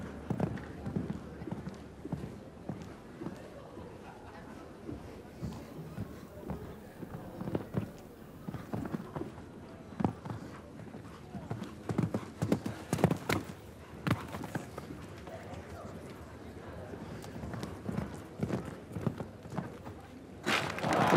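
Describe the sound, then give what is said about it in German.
Horse hooves clip-clopping in an irregular, rhythmic pattern as a rider rides a show jumping round against the clock, chasing a time of 47.1 seconds, with sharp louder thuds at intervals, beneath a steady murmur of background noise and occasional voices. “Sie reitet jetzt mit diesem Ergebnis gegen die Zeit von Douglas Lindelöf.”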